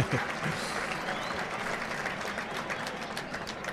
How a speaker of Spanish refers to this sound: A la ovación con saludos, vaya, hombre. Ovación con saludos.